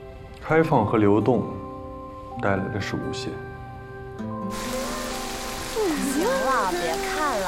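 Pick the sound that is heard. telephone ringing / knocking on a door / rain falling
rain falling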